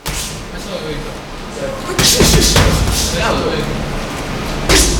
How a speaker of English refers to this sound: If you get lost looking for the Law Town Boxing Gym in Lawrence, just follow the thuds of fist making contact with punching bags and bodies.